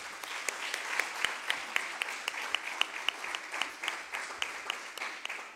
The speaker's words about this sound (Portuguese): A ela, uma salva de palmas.